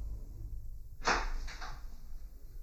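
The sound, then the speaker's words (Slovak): The door of a small house in a village creaks open in one short, scraping sweep that starts abruptly and fades within about a second, over a low steady background hum. No one speaks. “Dva oblúočky v bielej stene, dvoje krokov po podstene, vrzgot dverí, všuchnime sa dnu.”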